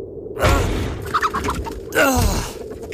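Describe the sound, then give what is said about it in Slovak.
Two loud, harsh rooster clucks, each a brief squawking burst with a falling tone, the second arriving about a second and a half after the first, with no talking. “Pozri, kohútik, to je slncový palác.”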